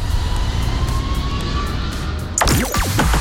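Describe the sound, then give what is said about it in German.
A light propeller plane's engine drones loudly and steadily, as if heard from inside the cabin in flight over Siegen, Germany, with the rumble shifting and a brief burst of other sound near the end. “Am Ende durfte ich dann aber auch noch in die Luft. Allerdings mit Motor und nicht Segelflugzeug. Das ist wirklich um einiges lauter.”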